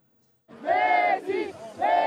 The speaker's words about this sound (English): Dallas Stadium was a cauldron of noise and a sea of blue and white as fans saw Lionel Messi make more history for Argentina.